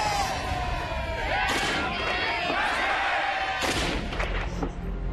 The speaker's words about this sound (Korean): 마지막 총소리가 들렸는데 어떻게 된 거예요? 우리의 만세를 멈추게 하려고 일본 경찰들이 총을 쐈고 많은 사람들이 총에 맞았어요.